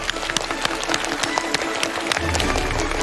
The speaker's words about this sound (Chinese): 掌声有请开讲嘉宾